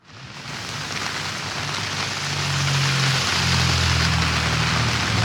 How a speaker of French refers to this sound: Oui, il pleut sans discontinuer maintenant depuis quasiment une heure ici, Christophe, et vous le voyez derrière moi, eh bien certaines rues commencent à être terriblement inondées, une pluie très très forte